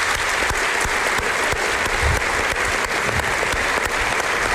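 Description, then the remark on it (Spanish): A dense burst of audience applause in thanks to a person being honoured, many hands clapping steadily and loudly with no pauses, filling the whole stretch with a bright, crackling texture. “Llevas muchos años haciéndolo y creo que públicamente nunca te hemos dado las gracias, así que si me acompañan en un aplauso, yo creo que te lo mereces.”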